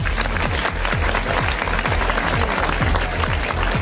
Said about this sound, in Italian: È già volata la prima ora, facciamo un applauso a De Pasquale, Max De Pasquale DJ.